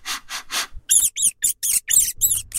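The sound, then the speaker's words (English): Rat squeaking: after three breathy, sniff-like bursts, a quick run of about seven high, shrill squeaks follows in an uneven rhythm, fairly loud with no talking. “Yeah, I think today's English expression is to smell a rat, or I smell a rat.”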